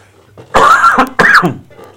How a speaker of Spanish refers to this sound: Pido perdón. Tengo tos, ¿qué le voy a hacer? No lo puedo evitar.